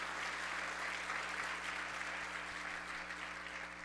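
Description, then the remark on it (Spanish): An audience applauds the word of the Lord after a scripture reading, a dense wash of clapping that holds at an even level for the whole stretch, with a low steady hum underneath and no voices. “Y bien, denle un aplauso a la palabra del Señor.”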